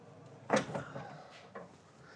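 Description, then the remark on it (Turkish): A door bangs shut with a sharp wooden clunk, followed about a second later by a softer knock as it settles; otherwise quiet. “Güzel kapıymış”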